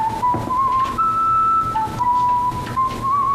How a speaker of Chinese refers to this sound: 哎，吹吹口哨呢？ 这大冷天的在街上吹口哨，不有病吗？但你别说啊，吹的还挺好听。